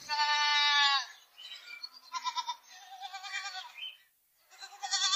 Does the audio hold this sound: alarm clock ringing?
no